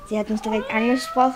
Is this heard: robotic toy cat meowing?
yes